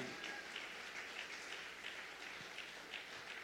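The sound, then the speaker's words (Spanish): An audience at a church service applauds the Spirit of God in a dense, steady wash of many hands clapping together, holding an even, fairly loud level throughout without letting up and with no voices over it. “Fuerte el aplauso al Espíritu de Dios.”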